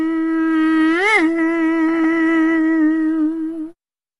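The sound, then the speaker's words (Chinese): A voice imitates a mosquito's buzz: one steady, nasal, high-pitched drone lasting almost four seconds, with a brief upward pitch swoop near the start, then it abruptly stops. No talking accompanies it. “说变咱们还就变，说了一声变，他可就变成一只小蚊子了。”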